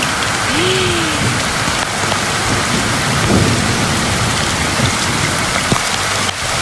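A thunderstorm recorded the day before: heavy rain pours down steadily in a dense, loud hiss, with low rumbles of thunder rolling underneath and a few sharper cracks; no one speaks.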